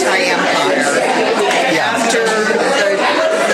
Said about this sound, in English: Man, there's so much crowd noise, it's hard to pick it out.